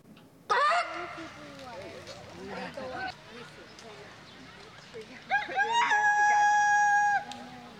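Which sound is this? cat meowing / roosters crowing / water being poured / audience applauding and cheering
roosters crowing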